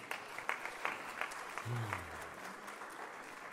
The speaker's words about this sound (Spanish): Puede sentarse, denle un aplauso a Dios.